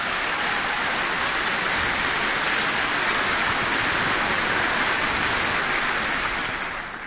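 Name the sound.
audience applause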